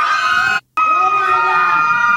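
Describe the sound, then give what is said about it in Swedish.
Children scream loudly and continuously, their shrill, sustained wails overlapping, broken only by a brief silent gap before the screaming resumes. “Skrikande barn.”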